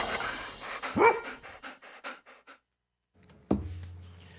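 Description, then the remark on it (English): Flyball dogs pant in quick, rhythmic breaths, broken by a loud sharp bark. After a short pause of silence, another abrupt bark rings out and fades. “best of all, the dogs love it.”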